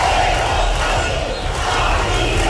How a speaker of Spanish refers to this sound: Decenas de miles de personas han protestado en toda España, unas movilizaciones marcadas, como escuchan, por los gritos contra el gobierno.